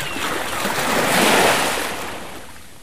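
A single North Sea wave swells, breaks and washes up the shore in a broad hissing rush, cresting midway before fading back, in a jingle for Allenbach Rock Radio. Fairly loud, with no voices.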